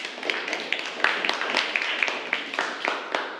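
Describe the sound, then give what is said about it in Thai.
Students in a classroom clapping together for a presenting group, a dense patter of overlapping handclaps with sharp individual claps popping out, steady and moderately loud throughout with no speech. “ขอเสียงปรบมือให้กับกลุ่มที่5ด้วยค่ะ”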